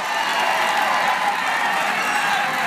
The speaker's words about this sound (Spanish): A partir de ahí, los saludos, los aplausos y las muestras de cariño se han ido sucediendo a ambos lados del paseo.